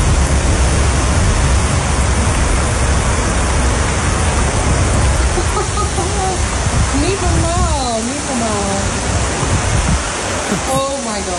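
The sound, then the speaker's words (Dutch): Heavy rain from a severe thunderstorm pours down in Emmeloord, Flevoland, the Netherlands, in a loud, steady, hissing roar. Partway through, voices speak over the downpour, rising and falling. “We trekken zware onweersbuien over ons land.”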